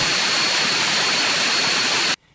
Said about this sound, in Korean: 이를 극복하기 위한 첫 걸음, 수천 시간 가동할 수 있는 군용기 엔진 두 종이 국내 기술로 개발됐습니다. 2.5톤 무게를 들어올리는 5,500파운드 터보팬 엔진과 스타트 됐습니다. 1,400마력 터보프롭 엔진입니다.